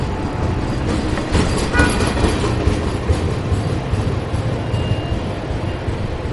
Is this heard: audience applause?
no